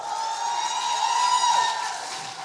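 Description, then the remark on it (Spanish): A crowd applauds and cheers in a dense, steady wash of noise that swells slightly in the middle and holds for a couple of seconds, with no talking over it; the applause is for the flags. “Un aplauso a nuestras banderas.”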